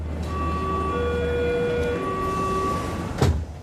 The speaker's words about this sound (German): Ich nehme die U-Bahn. Die ist bestimmt nicht vom Blitz getroffen.